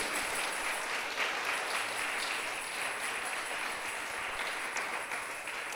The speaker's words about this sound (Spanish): ¿Cuántos alaban a Dios? ¡Aleluya! Dele fuerte ese aplauso al Rey.